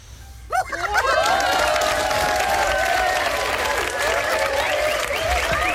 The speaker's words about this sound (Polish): Klaskacze, brawo.